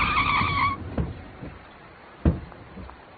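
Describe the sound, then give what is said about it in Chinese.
A car brakes hard to stop, its tires letting out a short, shrill screech that cuts off after a moment, leaving a low engine rumble and a dull thump. “停车，我要回去。”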